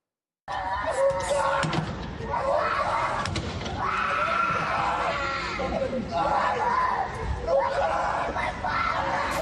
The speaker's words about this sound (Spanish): Así gritaba una familia cuando veía que su padre ha sido llevado, porque así crece la tensión social en Ucrania a raíz de esta movilización forzosa.